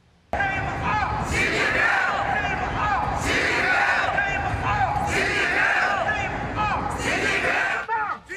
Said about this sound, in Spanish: Manifestantes se concentraron frente a la Casa Blanca con gritos, pancartas y carteles contra Xi Jinping.